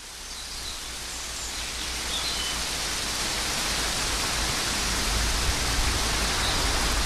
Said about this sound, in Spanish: Bueno, pues esto era cómo estaba lloviendo a las 12 del mediodía en el concejo de Manurga.